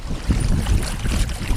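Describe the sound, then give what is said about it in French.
A sailboat just out of port around 8:10, trying to raise its sails, moving through water: a steady wash of rushing water and wind buffeting with deep low rumbles, continuous and fairly loud, with no voices. “Il est 8h-10, on est parti du port et on va essayer de sortir les voiles.”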